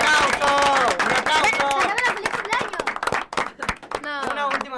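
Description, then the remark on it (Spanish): Dense, steady clapping from a group, loud throughout, mixed with whooping and cheering voices rising over it, with a fresh burst of shouts near the end; the applause is for a woman's birthday, which was on Monday, during a livestream. “Y porque el lunes fue su cumpleaños, ¡un aplauso!”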